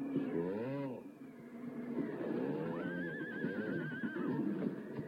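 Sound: horse neighing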